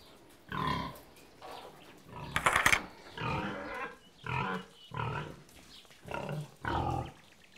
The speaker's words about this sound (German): Auf dem Hof gibt es auch noch Schweine. 12 Angler-Sattelschweine. Eine alte Rasse, was sonst.